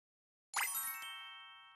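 A doorbell chimes a clear two-note ding-dong after a moment of silence, its bright ringing tones lingering and slowly fading. Fairly loud, with no voices.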